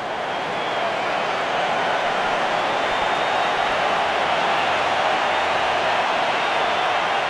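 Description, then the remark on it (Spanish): A large stadium crowd applauds Quiñones as he is substituted off for Alexis Vega in a Mexico match, a dense, steady wash of clapping and crowd noise that holds at an even, loud level for several seconds without speech. “Ahí están las palmas.”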